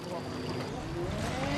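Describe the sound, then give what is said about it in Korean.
A small boat moves steadily through floodwater in Laos, with a continuous wash and sloshing plus a low motor-like hum and faint rising tones, under light wind noise. “오가기 편하게 보트도 꺼내고요.”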